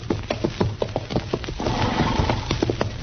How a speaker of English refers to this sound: Darn horse. Seems he's just bound to stomp all the dust in Kansas in my eyes.